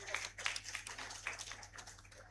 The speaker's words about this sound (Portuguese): Uma salva de palmas.